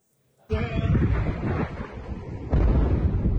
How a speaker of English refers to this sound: An intense wave of U.S. strikes hitting a wide range of targets across Iran. East of the country, multiple explosions in Chabahar.